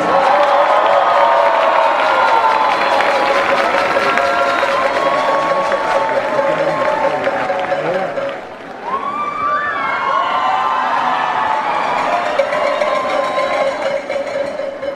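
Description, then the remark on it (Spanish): A large concert audience applauds and cheers loudly and steadily for the composer Nino Caicedo, with whistles and shouts mixed into a dense, continuous roar that dips briefly before swelling again. “Un aplauso para el maestro Nino Caicedo.”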